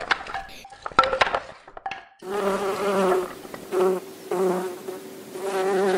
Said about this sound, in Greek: Τα καταφέραμε, οι μέλισσες πετάνε χαρούμενες.